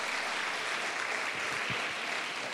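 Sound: audience applause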